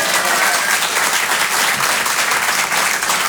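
audience applause

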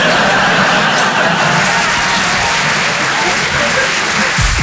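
audience applause

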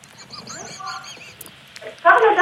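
seagull squawking

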